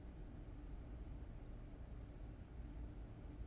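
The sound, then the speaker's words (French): A ship's bow slicing through seawater, heard as a steady, low rushing wash that rumbles on without pause for the whole stretch, fairly quiet and with no voices. “Enfin, je sais pas, on a vraiment l'impression que ça fend la mer, quoi.”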